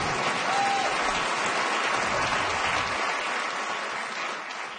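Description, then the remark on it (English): An audience claps steadily in a dense, sustained wash of applause that holds for several seconds before easing slightly at the end, with no speech over it. “I don't know if you guys are clapping because I have self-esteem or I like Slurpees.”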